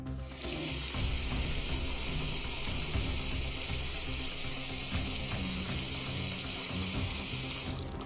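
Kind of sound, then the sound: water gushing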